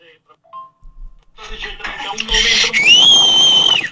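A man whistles a wavering, sustained tune over a phone-quality recording, starting with scattered faint noises before the loud, bright whistle rises and holds steadily near the end.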